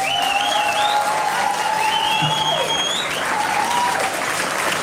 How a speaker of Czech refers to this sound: A my vám děkujeme za ten potlesk, který byl dlouhý